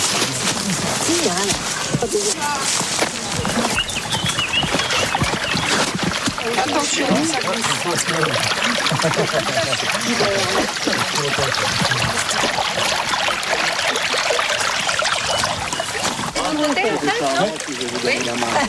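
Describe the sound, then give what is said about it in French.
A steady rush of flowing stream water trickles and splashes continuously at a stream where small works were built to capture its water, with faint voices now and then beneath the constant watery noise. “Et donc, pour capter l'eau au ruisseau, il a fallu faire des petits aménagements, qu'on va aller voir tout de suite.”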